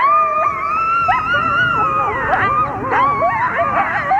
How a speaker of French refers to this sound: Savez-vous à quoi ça ressemble, le cri d'un coyote? Eh bien, à ça.